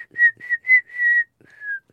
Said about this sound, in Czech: No, ale já si stejně radši pískám.